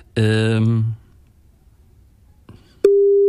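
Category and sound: signal or alarm, telephone ringing tone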